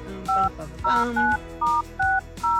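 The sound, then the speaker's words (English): A quick sequence of about six touch-tone beeps as a Warm 98.5 radio host dials a listener's phone number, each tone short and clear, spaced at a brisk, slightly uneven rhythm over faint background sound. “So if you did enter, make sure you are by your phone right now. The time I call you.”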